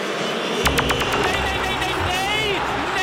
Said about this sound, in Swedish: Och ni hör vad publiken i Boston, Massachusetts, tycker om de första 25 minuterna. Det tycker de inte om.